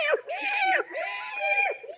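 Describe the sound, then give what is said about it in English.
A cat meows outdoors on a dark night in two long, drawn-out wavering yowls, fairly loud, preceded by a brief squeak, with no other sounds around it. “Hello, kitty. Here, kitty, kitty, kitty, kitty.”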